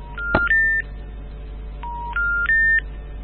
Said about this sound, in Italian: Questo è il tuo cellulare che non prende.